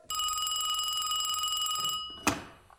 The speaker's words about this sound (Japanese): 电话です。